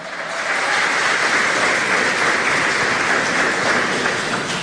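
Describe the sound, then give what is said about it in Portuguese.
An audience applauds the Lord during a morning church service, a dense, steady wash of many hands clapping that swells in quickly and holds at an even, loud level for several seconds, with no voices over it. “E quem crê, quem toma posse, dê glória a Deus e um aplauso mais uma vez ao Senhor.”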